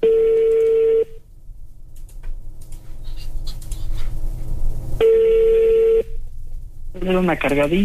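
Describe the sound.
A phone call rings out with two steady ringback tones about four seconds apart, a low background murmur between them, and a voice starting to speak near the end; the call goes unanswered and reaches voicemail.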